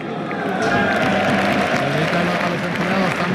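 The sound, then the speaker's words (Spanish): Steady applause from a crowd at a club event as a player applauds the teammates beside him, loud and continuous throughout, with a murmur of voices mixed in underneath the clapping. “Aplaude a los compañeros al lado de él.”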